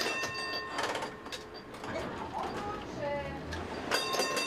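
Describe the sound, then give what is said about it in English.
A tram rolls along city rail tracks over 140 years old, on a network among the oldest in Europe: a steady rumbling clatter with high metallic squeals and whining tones rising and falling as the wheels grind over the rails. “These tram tracks have connected the city for over 140 years.”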